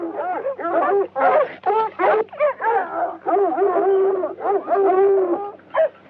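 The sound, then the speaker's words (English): A dog barks and yelps in quick, repeated bursts, some drawn out into whiny, howling tones, loud and nearly continuous for several seconds. “Shut your choppers, you flea flacking fat laps.”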